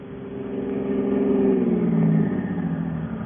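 A car engine runs unevenly, its low droning pitch swelling and sagging as it revs, loud and continuous for a few seconds with no voices.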